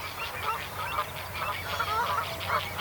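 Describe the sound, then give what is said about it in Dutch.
Lapwing and avocet calls ring out repeatedly over a steady low rumble at Moordhuizen on the Maas, Gelderland, Netherlands, several birds calling back and forth with no one speaking, as avocets guard their chicks against crows and lapwings come to help. “We hebben de kievit weer.”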